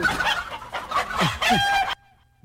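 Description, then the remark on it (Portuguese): Several chickens cluck in a busy, overlapping cluster while a rooster lets out a loud crow, then the sound cuts off abruptly into near silence. “Nossa, ele pegou galinha viva, que não é essa.”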